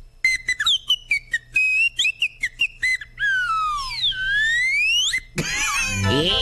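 A cartoon slide whistle, played as part of a character's act, sounds loud: quick chirpy toots, then long swooping glides that fall and rise again, ending in a sudden noisy clatter, a cartoon falling effect.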